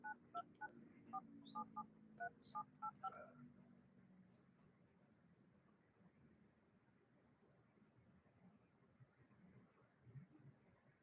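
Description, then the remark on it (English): A rapid string of telephone keypad dialing tones, about a dozen short beeps in quick rhythm over the first three seconds, followed by a steady low line hiss with faint background murmur; a person dialing a phone to call in directly after the previous phone died. “Let me see if I can try to call directly in 929.”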